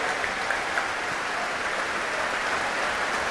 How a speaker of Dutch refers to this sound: Want dit publiek wil graag laten weten dat ze hebben genoten. Groot applaus nu voor Alexei Ogrinchuk, de solo-oboist.